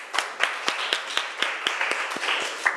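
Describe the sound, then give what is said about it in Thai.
A group of students in a class claps together for a classmate, a steady rhythm of sharp, bright claps over a dense wash of overlapping hand claps. The applause holds at moderate loudness throughout, with no talking. “ปรบมือให้เพื่อนของเราหน่อยค่ะ”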